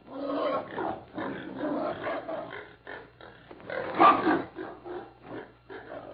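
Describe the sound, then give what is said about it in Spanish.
Several pigs grunt and squeal in a steady, overlapping jumble as they are fed corn, with a louder burst near the end and no voices. “aprovechando que la muchacha andaba echándoles maíz a los puercos.”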